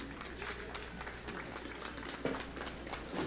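An audience at an agricultural fair event in La Libertad claps steadily to welcome a regional agriculture official to the stage, a dense patter of many hands that holds an even, fairly soft level for a few seconds with no one speaking.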